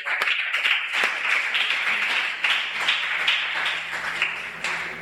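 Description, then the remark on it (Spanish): A group of people applauds steadily for about five seconds to welcome a newcomer, a dense, even patter of many hands clapping with a faint low hum beneath. “Que levante la mano y le vamos a aplaudir dándole la bienvenida a Dana Sofía.”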